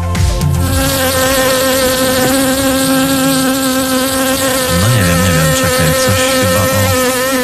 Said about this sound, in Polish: no to pytanie brzmi, żebyście nam powiedzieli, jak myślicie, o czym dziś bzyczą pszczoły w to swoje święto?